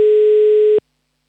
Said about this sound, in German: So, ich habe hier schon wieder einen Anmeldezettel ausgedruckt und ich wähle hier schon mal eine Telefonnummer und hoffe, dass auch gleich jemand abhebt.